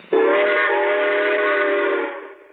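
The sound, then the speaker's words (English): A voice imitates a train whistle with one long, steady, whistle-like tone that holds for about two seconds before fading, loud with nothing else around it. “All right, now, how does a train go?”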